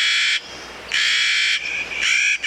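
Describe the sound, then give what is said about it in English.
A Clark's Nutcracker gives harsh, grating, drawn-out calls, three or four loud rasping bursts in a row with short pauses between, the last ones shorter and clipped. “This Clark's Nutcracker may put more than 30,000 pine seeds in caches of just 4 or 5 seeds each.”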